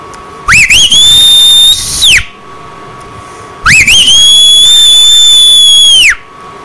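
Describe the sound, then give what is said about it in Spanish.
Two loud whistles from a person, each rising quickly then holding a long steady high note before dropping off, with a short pause between them, like a call to get someone's attention. “Ah, ya tienes rato, chifli chifli.”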